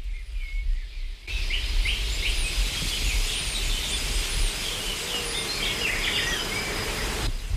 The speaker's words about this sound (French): Un bourdonnement après l'autre.